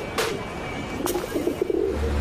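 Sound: pigeons cooing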